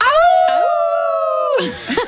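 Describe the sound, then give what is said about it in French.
A crowd of voices at a festival in La Fontaine imitates a wolf howl together, one long sustained rising and held cry lasting over a second, ending in scattered laughter and chatter. “Mais vous l'avez entendu, hein. C'est un festival qui porte vraiment bien son nom avec la fameuse légende du loup de La Fontaine.”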